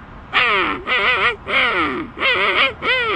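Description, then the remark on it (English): A person imitates a king penguin call with five loud, brassy trumpeting bursts, each pitch wavering and bending, separated by brief pauses. “And next, the king penguin.”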